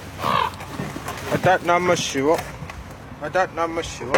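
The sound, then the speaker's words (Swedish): Ravens perched on house rooftops croak in short, harsh bursts, a few calls clustered together and then another pair a moment later, over a faint outdoor background. “Det sitter korpar här uppe på hustaken och tittar ner på mig.”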